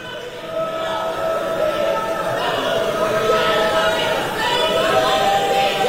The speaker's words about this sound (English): And you may have heard the word genocide there. Those people in that crowd yelling at Joe Biden for not being critical of Israel enough